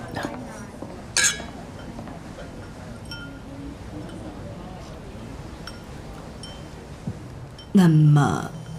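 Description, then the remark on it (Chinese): Drinking glasses clink together in a toast, a bright ringing chime early on and a louder, fuller clink near the end, over a low murmur of background voices. “饮品来了，谢谢。很好，谢谢。干杯。”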